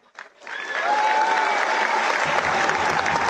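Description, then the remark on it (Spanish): An audience at a political campaign event in Encarnación breaks into loud, sustained applause for members of the Partido Liberal, a dense wash of clapping that swells quickly after a brief start and holds steady, with faint cheering mixed in. “Quiero pedir un aplauso a los afiliados al Partido Liberal.”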